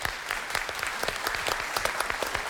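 An audience claps steadily, many hands producing a dense, continuous patter of sharp claps at an even loudness throughout, with no voices standing out.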